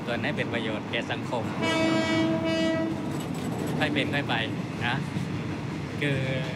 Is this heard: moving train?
yes